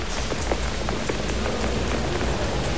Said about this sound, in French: J'aime bien la pluie sur la ville. En plus, abrité sous un parapluie.